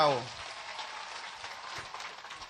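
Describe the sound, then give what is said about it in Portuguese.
A crowd in Nampula claps for local leaders and cultural groups in a dense, steady burst of applause that holds an even level throughout, following a brief trailing voice at the very start. “Queria pedir para que os nossos líderes, os nossos grupos culturais, o nosso líder que leu a mensagem, nós possamos bater uma grande salva de palmas para eles.”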